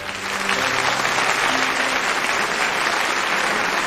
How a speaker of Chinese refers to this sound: 请大家看看这个最普通的基层民警，他胸前佩戴的奖章是我们能看到的，但是他身上的那些伤疤是我们看不到的奖章。让我们把掌声送给他，谢谢。